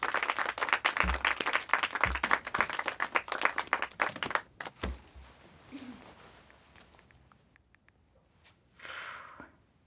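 A comedy show audience claps and applauds loudly for the next comedian for several seconds, dense rapid hand claps with a few heavier thumps, then the applause thins and fades out, with a short swell of crowd noise near the end.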